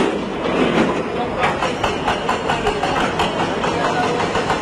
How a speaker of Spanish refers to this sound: Este es el sonido en directo de esos trabajos para poder recuperar a personas entre los escombros.